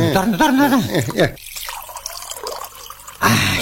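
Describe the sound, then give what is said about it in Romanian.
A voice speaks briefly, then beer is poured into a glass: a steady, hissy trickle of liquid lasting a couple of seconds before more talking starts. “Auzi, poți să mai iau un pahar? Mai ia, vecine.”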